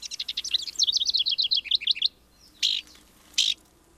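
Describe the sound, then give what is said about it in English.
A downy woodpecker gives a rapid, high whinny of sharp notes for about two seconds, followed by two short, separate calls. It is clear, with no voices. “Now, I don't know what the message is here, but just hearing that puts me in mind of spring, when the downy is out examining trees for nesting sites.”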